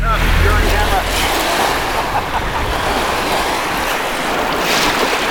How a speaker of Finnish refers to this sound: Nyt ollaan Haapan rannalla Kukkola Forssenissa. Koski kuohuu, Torniojoki pauhaa. On noin 200 metriä Suomeen. Katselen Suomen puolelle täältä Ruotsin puolelta. Rajajoki tuossa virtaa vuolaana.